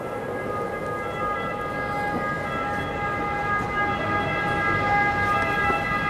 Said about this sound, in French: Alors, nous sommes au centre de Rome, dans cette place du Largo Torre Argentina, où il y a un bruit terrible, des bus, des ambulances, des taxis et même des perruches.